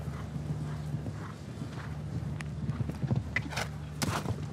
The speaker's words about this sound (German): Oh, Unsicherheit des Pferdes hier führte zum leichten Abrutschen und Einhufen im Graben.